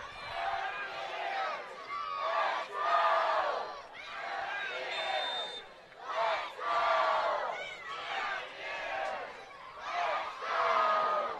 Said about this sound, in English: And you can hear this crowd getting rowdy here in Morgantown.